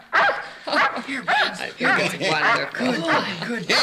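A dog barks and yips in a quick, excited series of fairly loud calls, with whining tones between the barks and no pauses.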